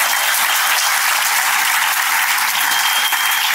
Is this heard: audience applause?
yes